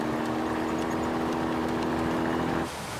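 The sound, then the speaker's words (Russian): A GAZ-67 off-road military jeep drives fast along a road through a forest, its engine droning loudly and steadily, a constant motor hum with road rumble, easing off abruptly near the end; no voices. “По ней быстро едет внедорожник ГАЗ-67.”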